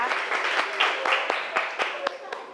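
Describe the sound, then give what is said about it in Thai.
A Thai reading class breaks into applause for a classmate who read a sentence aloud: a dense patter of many hands, with sharper claps landing in a steady, rhythmic beat about four times a second, and faint voices mixed in underneath. “ถูกไหมคะทุกคนปรบมือให้เพื่อนหน่อยนะคะ”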